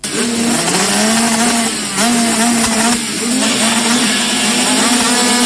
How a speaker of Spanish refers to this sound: Este 11 y 12 de julio vuelve el rugir de los motores a Nogoyá. Después de mucho tiempo, el campeonato de enduro cross entrerriano llega nuevamente al circuito La Tijereta MX.